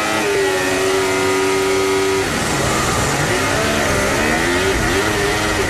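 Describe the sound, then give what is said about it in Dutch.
A Formula 1 car's engine wails at high, steady revs during Lewis Hamilton's practice start, then the pitch wavers and surges unevenly with wheelspin as the car pulls away, loud and continuous throughout with no talk. “Matig, hoor je dat? Wielspin ook weer.”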